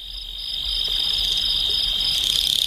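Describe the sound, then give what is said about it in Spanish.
A cricket trills steadily at dusk, a thin, high, unbroken buzz that swells slightly in the first moments and then holds level, with no voices present. “El primer canto del grillo en el crepúsculo es vacilante, bajo y áspero.”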